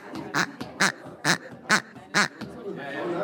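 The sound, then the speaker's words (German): A small squeaky toy chicken is squeezed five times in a steady rhythm, each squeak a short, bright, nasal honk, fairly loud, followed by a soft rustle. “Genau, das kleinste Huhn kann eine Menge.”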